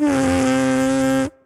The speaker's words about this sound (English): Can we hear that sound without a horn at your lips? Yeah, so this is the plain buzzing.